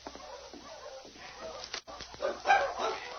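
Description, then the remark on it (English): A pack of sled dogs barks and snarls as they fight, in a tangled, overlapping commotion with yelps and whines mixed in. The racket is steady, and nobody speaks. “When they bark like that, they have fight.”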